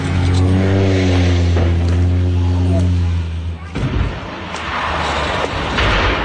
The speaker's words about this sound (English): That social media sound of a seaplane going down off the coast of Washington State, about 90 miles north of Seattle. The plane burst into flames when it hit the water, but the 10 passengers and pilot were all rescued.